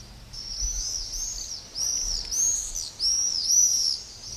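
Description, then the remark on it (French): Shrill, buzzy screams of common swifts ring out in overlapping bursts, several calls rising and falling over a few seconds, clear, with no voices present. “Ils se distinguent aussi par leurs cris caractéristiques et leur vol groupé qui accompagne nos soirées d'été.”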